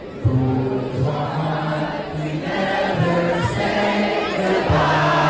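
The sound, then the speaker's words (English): At the big finish of a song, a crowd yells together in loud, sustained shouts, voices rising and falling in pitch as one big unison cheer that carries steadily for several seconds. “This is where everyone yells, yeah, goodbye.”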